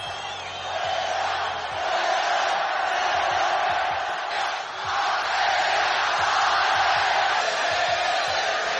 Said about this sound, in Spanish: Gritos que sonaban desde la grada. El escándalo era monumental y el final del partido hizo que todo el público estallara.